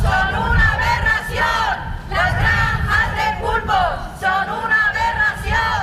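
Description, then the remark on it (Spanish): A street crowd of protesters on Calle Triana in Las Palmas de Gran Canaria chants slogans in unison at midday, calling for a ban on commercial octopus farms; loud voices rise and fall in repeated rhythmic phrases over a steady low rumble of massed noise. “Y esto que van a escuchar ahora ha resonado este mediodía por la calle Triana de Las Palmas de Gran Canaria.”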